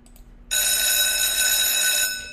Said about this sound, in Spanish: Tenemos acá la alarma, por favor.